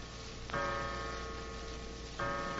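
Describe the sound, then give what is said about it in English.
A clock in a bank office chimes the hour with two resonant strikes about a second and a half apart, each tone ringing and sustaining clearly at moderate loudness, with no voices. “Suddenly a clock chimed the hour, an hour that now seemed foreboding, sinister.”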